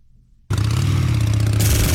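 After a half-second of near silence, a motorcycle engine roars in abruptly and loudly, holding a steady throaty rumble with gritty rattle and growing louder toward the end.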